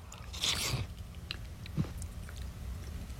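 Eating noises as someone tastes broccoli cheddar soup: a wet, crunchy bite or slurp followed by a few soft chewing and mouth sounds against a low background hum, with no talking.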